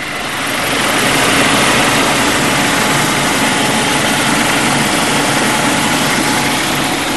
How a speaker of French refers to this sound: Minutes de vol et l'hélicoptère Caïman du Charles de Gaulle se pose sur la plage arrière d'une FREM, une frégate multimission spécialisée dans la défense aérienne.